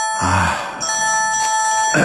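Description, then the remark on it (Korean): A telephone rings inside a car during a ride, with a steady electronic tone held for about two seconds, clear, with a brief low voiced sigh or groan near the start. “또 전화벨이 울렸습니다.”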